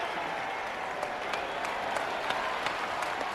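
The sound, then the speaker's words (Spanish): Steady applause from many hands at a jousting tournament as Viserys applauds, a dense crackling wash of claps with a few sharper individual slaps standing out, holding at an even, moderate level throughout with no voices. “Rhaenys bebe de un cáliz dorado y Viserys aplaude.”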